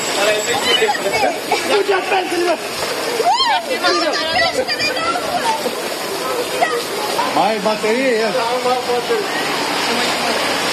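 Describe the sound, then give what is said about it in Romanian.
Rainwater floods a street where sewerage is completely lacking, rushing and splashing loudly and steadily in a constant roar, while several people talk and call out over it. “Dar așa e mereu când plouă? Așa este mereu da. Când plouă.”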